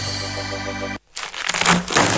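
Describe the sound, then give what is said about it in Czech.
A steady tonal hum breaks off into a brief silence, then loud, crackly crunching follows in several rough bursts as teeth bite into a crispy pie from Old Story Buregdžinica. “Zvuk koji se ne zaboravlja. Miriše na dom. To je Old Story Buregdžinica. Hrskava pita.”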